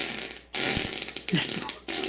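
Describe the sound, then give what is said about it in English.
A noisy, sputtering fart sound as someone farts on another person, with a couple of low, buzzy bursts, loud, broken by brief pauses over about two seconds, with no talking. “That's you getting farted on.”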